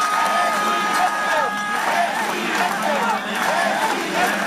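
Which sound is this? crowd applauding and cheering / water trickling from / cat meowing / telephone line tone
crowd applauding and cheering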